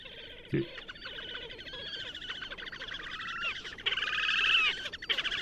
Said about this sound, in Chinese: 那幼鸟呢，就很像小鸡的叫声，我们就来听听看